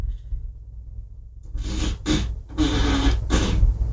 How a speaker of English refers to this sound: Alexa, ask for a fart.